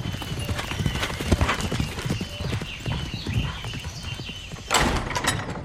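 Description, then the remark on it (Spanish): Horse hooves clip-clop steadily as a ridden horse on a dirt road and a carriage travelling through a forest pass each other, a continuous rhythmic clatter, with a louder burst of rumbling and rattling near the end. “Caballo y carruaje se cruzan.”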